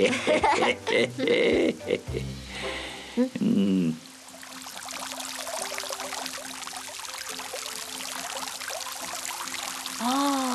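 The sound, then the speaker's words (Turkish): Steady, dense rainfall hisses continuously after a few seconds of voices, a heavy downpour that stays even, with brief vocal sounds over it near the end. “Hele şu yağmur dinsin de bakarız çaresine.”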